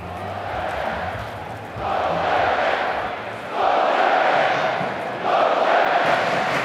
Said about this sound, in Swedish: Inne på arenan börjar norska klacken på västra kortsidan, det som kallas Oljeberget, värma upp.